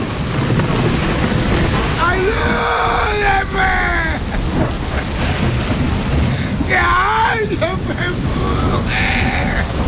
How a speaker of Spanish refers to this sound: Caía un torrencial aguacero con tormenta, con rayos y centellas.